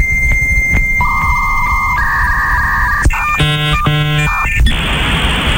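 A dial-up modem on a telephone line connecting to the internet: steady electronic tones and beeps shift in pitch, then give way to warbling, stacked handshake chirps and finally a loud, rushing hiss. No one speaks.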